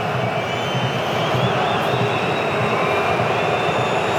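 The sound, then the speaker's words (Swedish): Moroccan football supporters in a stadium boo as the Netherlands prepare to take a corner kick. The booing is a loud, unbroken roar that holds steady for several seconds, a dense low drone with faint whistling tones riding above it and no voices standing out. “Framför den största utav och mest samlade marockanska klacken som buar.”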